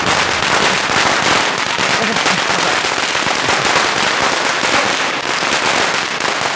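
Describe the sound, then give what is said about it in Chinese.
A long, continuous string of firecrackers, set off in celebration as a master's long-held custom, crackles and pops rapidly and loudly, a dense unbroken barrage of sharp bangs without pause. “老爷，抬抬扶手，放鞭炮庆祝一下，这不是老爷多年的规矩吗？”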